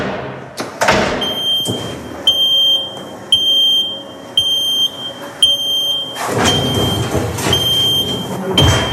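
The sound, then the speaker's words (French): A car lift in a garage lowers a car to the ground after an oil change with a steady mechanical hum while a high-pitched warning beep sounds repeatedly, about once a second; toward the end, louder clunks and rattling noise rise over the beeping. “Donc on va pouvoir descendre le véhicule maintenant.”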